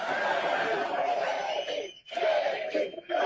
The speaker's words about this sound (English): I got to say it's pretty cool to hear a crowd that is this fired up chant your name. So go ahead and do it again.